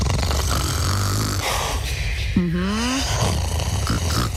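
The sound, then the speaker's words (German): A single drawn-out snore from a person sleeping at night in a bedroom rises in pitch with a rough, buzzing tone, heard over a steady low rumbling background. No one speaks. “Also wirklich, wenn jemand neben mir schnarcht, ich mag das.”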